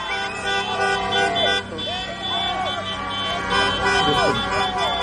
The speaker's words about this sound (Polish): To Meksykanie, którzy nie ułatwiają Ekwadorczykom życia przed nocnym meczem w 1/16 finału. Pod hotelem każdy trąbi i gazuje samochody i motocykle.